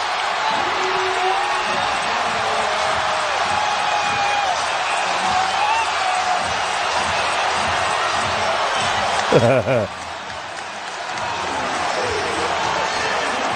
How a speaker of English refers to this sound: And you hear the crowd build. You hear this whir. That's probably the best word for it. It's like fester. With the Knicks within 4 points, 4:30 to go.